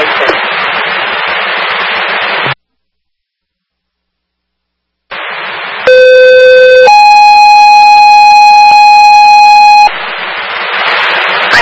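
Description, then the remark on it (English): Loud, steady electronic fire department dispatch alarm tones, first a short single pitch and then a sustained chord of several pitches for a few seconds, bracketed by bursts of radio static with a brief silent gap, alerting units in Franklin to a smoke investigation at 1 Delta Drive. “Fire ship alarm.”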